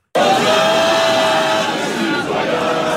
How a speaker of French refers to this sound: Le dernier marqué en fin de rencontre pour le plus grand bonheur de ses supporters rassemblés dans un bar de Rennes aux côtés de notre correspondant en Bretagne,